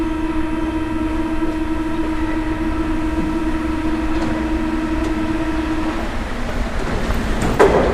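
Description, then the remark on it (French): A metro train rumbles steadily along the rails, with a sustained low drone and a tonal hum throughout, continuous, ending with a brief rattling clatter near the end. “Dans le métro.”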